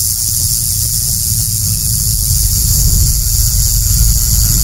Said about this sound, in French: Pour être plus simple, ce sont des écailles modifiées, emboîtées les unes dans les autres, qui produisent un son de sonnette quand elles s'entrechoquent lorsque le serpent agite sa queue.